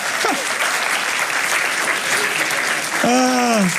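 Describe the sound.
Steady audience applause for an audience member, a dense wash of clapping with a voice briefly rising over it near the end.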